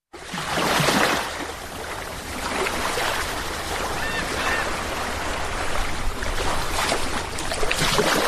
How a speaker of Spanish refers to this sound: Todo ello, como no, acompañado, podemos decir, que de un sonido muy relajante. El de las olas que crean esa sensación, podemos decir, de calma y difícil de encontrar en otros lugares.